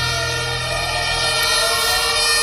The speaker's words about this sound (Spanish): Es el sonido de las sirenas de los bomberos llegando al aparatoso incendio que afecta desde las 11 de la mañana al hotel del complejo Vera Sevilla, en los antiguos suelos de Altadis, en el barrio de Los Remedios, en la capital hispalense.